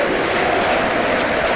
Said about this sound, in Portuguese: No Mabrinho sai Pavlidis, na equipa carnada entra John Duran. Uma tremenda salva de palmas para a saída do Pavlidis.